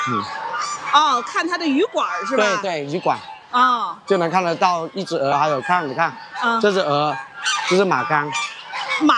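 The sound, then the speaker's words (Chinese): Loud geese honk over and over at a goose-breeding farm, among them a Ma Gang goose with black head, body and feet, in a steady jumble of harsh, nasal calls, the squawks overlapping and rising and falling with hardly a pause throughout. “这只鹅，这是马缸。 马缸。 对，黑头黑身。”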